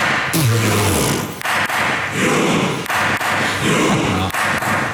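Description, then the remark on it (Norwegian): Masud Gharahkhani, president of the Storting (Norwegian parliament), bangs a gavel on a desk in the Storting in several heavy thuds, spaced unevenly about a second apart, over a loud, steady background din. “Sto med klubba og deisa i pulten. Første slaget kommer.”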